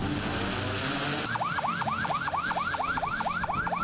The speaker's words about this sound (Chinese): 随着出发指令下达，执法船艇鸣笛起航，无人机升空巡查，执法车辆同步出动